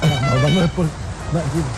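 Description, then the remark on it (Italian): A circus siren horn blares in two wavering, reedy blasts, its buzzy pitch sliding up and down, with a brief dip between the loud first blast and the softer second. “La sirena del circo.”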